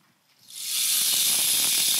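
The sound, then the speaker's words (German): A rainstick made from a columnar cactus, set up as a hands-on exhibit, is turned, its rushing patter swelling within half a second into a steady, bright hiss flecked with tiny clicks of falling pellets. No one speaks. “Kennen vielleicht manche den Regenmacher? Können selber einmal dran drehen.”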